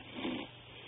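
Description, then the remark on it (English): A single short, low snore comes through a muffled telephone line from a caller in Inglewood, California, fairly quiet and lasting under half a second, followed by faint line hiss with no one talking. “I think I heard a snore in there. I think we got … while he's sleeping.”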